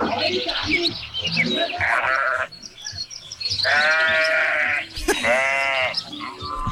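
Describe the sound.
A person imitates a sheep, letting out three wavering, drawn-out bleats in close succession, loud, with brief chatter and background noise around them.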